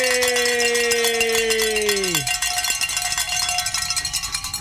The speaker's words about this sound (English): And I just got word we can ring some bells, gentlemen. We have reached our goal. Yay!